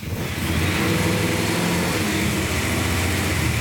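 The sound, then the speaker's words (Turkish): A carbureted car engine, converted from fuel injection to a carburetor, catches and settles into a steady, loud idle, a low rumbling drone that holds evenly with no voices. “Bu arabadan yakıt enjeksiyonunu çıkardık. Bunun yerine karbüratöre geçtik.”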